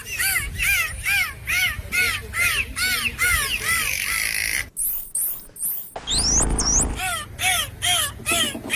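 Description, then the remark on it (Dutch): Bottlenose dolphins call in a rapid, rhythmic series of harsh squeaky chirps, broken midway by high, swooping whistles and bursts of clicking, then the squeaks resume. Loud and continuous, with no talking. “Dolfijnen zien er met hun glimlach altijd vrolijk uit en zo klinken ook hun fluitjes, klikjes en piepjes.”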